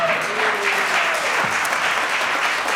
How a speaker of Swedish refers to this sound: Jag kan stå och tala om varför publiken applåderar för att klockan står på noll